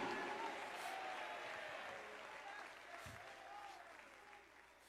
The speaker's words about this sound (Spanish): Ay, ay, ay, dale ese aplauso al cordero. ¡Aleluya!